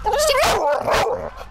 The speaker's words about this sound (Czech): štěkej. Štěkej.